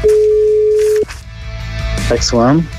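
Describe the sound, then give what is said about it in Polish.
A steady telephone dial tone hums at a single pitch for about a second, then cuts off, followed by rising and falling voice-like sounds and background noise, as Antyradio radio hosts phone the first of three prize winners. “Dzwonimy do pierwszego z trzech zwycięzców”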